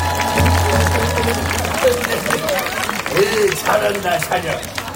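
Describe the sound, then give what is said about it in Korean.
A lively outdoor crowd at a night festival claps and cheers in a steady, dense wash of noise, with shouting voices rising over the applause and a low hum running underneath. “예, 뭐 현장음 들어보니까 글쎄 뭐 현장이 이제 축제를 넘어서 마치 콘서트장 같다는 생각이 들 정도로 아주 활기찬데 네.”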